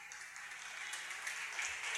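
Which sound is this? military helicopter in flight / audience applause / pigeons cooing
audience applause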